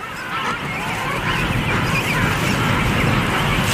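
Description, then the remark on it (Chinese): A dense, steady din of king penguin calls, with many honking, trumpeting voices overlapping into one loud, continuous colony chorus with no pause, as a parent returning from foraging greets its mate and takes over guarding their chick. “简单的相互问候之后，王企鹅青鸟第一次换班看护雏鸟。”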